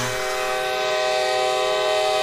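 A train horn blares in one steady, unbroken tone over the loud rumble of a train rolling along the tracks, sustained for the whole stretch.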